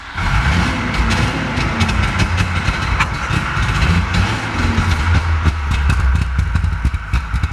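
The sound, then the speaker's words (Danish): A 1965 DKW F12 cabriolet engine runs steadily and loudly, a low throbbing hum topped with a buzzy, crackling rattle that holds for several seconds with no voices. “Prøv lige, vi skal lige prøve at høre, hvordan sådan en bil den lyder.”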